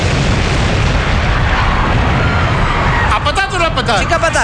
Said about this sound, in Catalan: Tal com estava previst, la bomba peta a les 21:15. Ni un segon més tard.